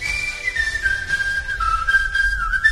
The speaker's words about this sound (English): Everybody whistle along.